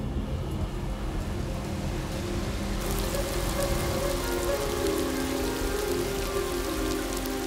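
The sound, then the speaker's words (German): A rain shower reaching the coast patters steadily on parched, dry ground, a dense hiss of countless drops that grows brighter and heavier after a few seconds and then holds constant, with no voices. “Erste Schauer nähern sich der Küste und erreichen das ausgedörrte Land.”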